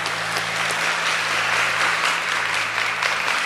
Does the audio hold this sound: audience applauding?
yes